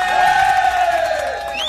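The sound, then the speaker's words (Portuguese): A loud crowd cheers and applauds in a short, steady burst as birthday congratulations, with one high, sustained whoop sliding slowly downward in pitch above the noise. “Vamos dar um aplauso aqui para ele, né, de parabéns.”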